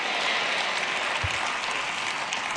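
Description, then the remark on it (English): A crowd claps steadily, a dense wash of many hands with no pauses or rhythm, holding at an even loudness throughout with no voices standing out. “Oh, if you can't clap, say amen.”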